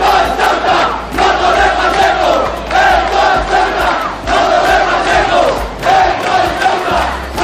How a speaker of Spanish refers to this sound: hubo que lamentar incidentes durante una concentración convocada por grupos de extrema derecha, a la que siguió una contramanifestación de ciudadanos ceutíes de origen magrebí, en la que se escucharon gritos de "esto es Ceuta y no Torre Pacheco".